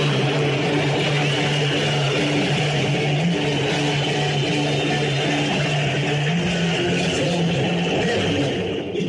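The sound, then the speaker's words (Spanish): A dense, steady stadium crowd roar as Paraguay's team takes the field, filling the whole stretch at constant loudness, with sustained low droning tones woven through the noise and no pauses or quiet moments. “¡Escuchen ustedes sonido ambiente!”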